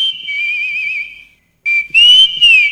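Someone whistles a wavering, sustained tune in two phrases, a smooth first line, a brief pause, then louder, sliding notes. Clear, with no talking.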